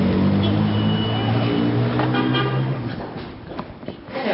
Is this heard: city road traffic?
yes